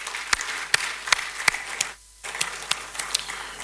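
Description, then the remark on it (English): An audience at a live hosting of Asempa 94.7 FM's Ekosi Isen at the Kempinski Gold Coast Hotel applauds steadily, with a dense wash of clapping punctuated by a few sharp, louder claps at a regular beat. The sound cuts out briefly midway, then resumes at a similar level. No voices are heard. “I think it's better for you to give all of us a round of applause, please.”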